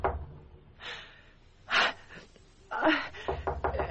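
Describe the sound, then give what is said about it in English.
Soft, insistent knocking at a door, several quick taps in a row, following a few breathy gasps. The knocks are muffled and low in volume, and no one speaks. “I was awakened by a soft but insisting knocking at my door.”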